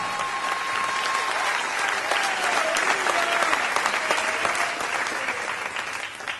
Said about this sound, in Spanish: No, si le va a aplaudir, apláudale todos como él se lo merece.